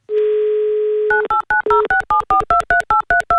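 A steady dial tone hums for about a second, then gives way to a quick run of roughly a dozen sharp touch-tone beeps as a phone number is dialed, each a two-note electronic chirp.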